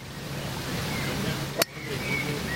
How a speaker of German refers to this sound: Das Wasser plätschert in den Hindernissen. Ein leichter Wind weht über den Platz. Es regnet, aber es ist nicht kalt. Der Golfplatz in Sieke-Okel strahlt eine idyllische Ruhe aus.